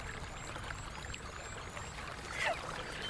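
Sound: flowing stream water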